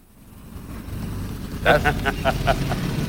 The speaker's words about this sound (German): Das ist übrigens das Auto, das mir Harpe Kerkeling versprochen hat.